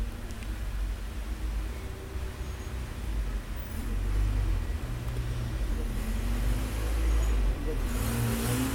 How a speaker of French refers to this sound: Une voiture verte, suivie d'un grand camion blanc, passe devant nous, près du boulevard Saint-Germain.